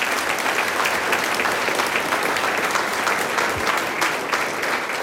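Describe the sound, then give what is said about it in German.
A crowd applauds a band, a folk music group with hammered dulcimers, guitar, accordion and harp, in Saalbach Hinterglemm, Pinzgau. The applause is steady, a dense, even wash of many hands clapping at a constant loud level for the whole stretch, with no voices rising above it. “Applaus für die …, muss ich jetzt einmal.”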